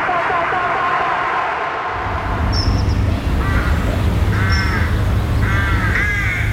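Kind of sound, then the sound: bird, crows cawing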